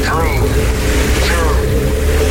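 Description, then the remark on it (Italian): A loud, steady rocket engine roar rumbles throughout as the engines ignite, dense, with brief rising whooshy tones sweeping over the low rumble. “Accensione motori.”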